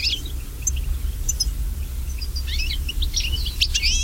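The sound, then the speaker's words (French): European goldfinch song: bright, tinkling twitters and chirps, sparse at first and then quicker and busier toward the end, heard over a steady low background rumble with no voices. “Le chardon, je sais que si on a des tournesols sur pied chez soi, c'est typiquement le genre d'oiseau qui va en raffoler.”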